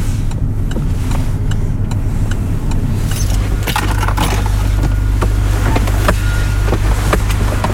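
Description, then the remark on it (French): A car engine hums steadily while sharp clicks and a light metallic jangle, like keys or door handling, come and go as the driver parks and gets out at the port of Dunkirk, France, where the former BCMO dockers' office stood. There is no talking. “Ouais, ouais, ouais, je vais me garer là.”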